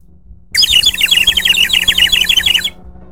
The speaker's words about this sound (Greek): σας κελαϊδάω με αυτή την σφυρίχτρα που μου έφερε το εμπορικό τμήμα που πήγε εκδρομή με το καπί, για να μην παίρνετε Ζάναξ την ώρα που μιλάω.